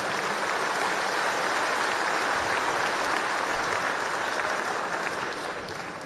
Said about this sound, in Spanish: Hermanos, hermanas, vamos a recibir con un fuerte aplauso a nuestro líder y comandante nacional, nuestro presidente, Evo Morales Ayma. ¡Fuerte las palmas!